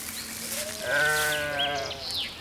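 Sheep bleat in a wavering, nasal cry that swells and fades, with a second higher bleat overlapping near the end, over a soft background hiss from a farm.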